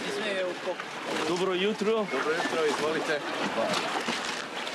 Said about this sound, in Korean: 선착장에서 보트를 타고 바위 위 성모 섬을 찾아갑니다.